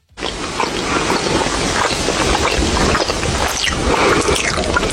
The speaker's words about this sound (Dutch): En ineens hoor je iemand naast je helemaal crazy gaan met die popcorn. Dat je denkt van, hey, deze smakgeluiden zijn next level.